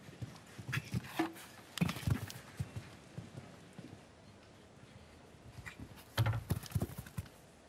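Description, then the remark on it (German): Hooves of a grey horse clatter on firm ground on a show jumping course in uneven bursts, the horse moving at pace with clusters of quick impacts and brief pauses over a faint outdoor background. “wenn nicht dieser, ja, ich sag jetzt mal, dieser tolle Schimmel hier nicht diese 10 cm zu kurz diesen Weitsprung genommen hätte und damit auf dem weißen Band quasi Kontakt hatte”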